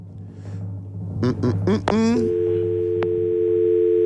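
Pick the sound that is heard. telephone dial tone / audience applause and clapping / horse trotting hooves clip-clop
telephone dial tone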